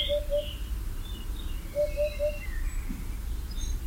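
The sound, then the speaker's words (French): An unseen Eurasian hoopoe calls from within foliage, a soft, low, hollow hoop-hoop-hoop in quick triplets, repeated a few times over a steady low rumble, with faint higher bird chirps scattered behind. “On n'a pas réussi à la voir, mais on l'entendait dans le feuillage en train de pousser son houp-houp-houp bien caractéristique, la huppe fascie.”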